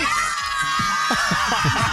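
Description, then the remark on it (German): A crowd of schoolchildren from the Pestalozzi school cheering and shrieking at a last-day-of-school party held by radio station Ostseewelle on a tractor-drawn Kremser trailer, a dense, high-pitched wash of excited voices with bursts of yelling and giggles, loud and continuous throughout. “Und Leute, so hört es sich an, wenn Ostseewelle den letzten Schultag feiert.”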